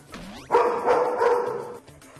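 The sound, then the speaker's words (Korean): A dog named Pari, wary on meeting a stranger, gives a tense, sustained bark-growl lasting over a second, with a sharp rising yelp just before it, loud and alone without any talking. “낯선 사람을 만났을 때 파리 반응을 봐야겠죠? 역시 바로 경계하는 파리.”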